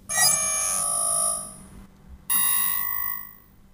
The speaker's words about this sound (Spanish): ¡Ay, Dios! ¿Qué es ese ruido? ¿Qué le pasa a esa porquería de alarma?